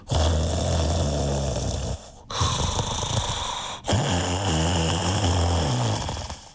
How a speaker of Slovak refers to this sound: Pohľadkal si plné brucho a rozvalil sa navrch na perinu. O chvíľu už chrápal.